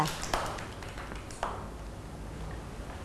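Children clap in a faint, scattered patter, with a couple of sharper claps standing out before the applause fades into quiet background murmur.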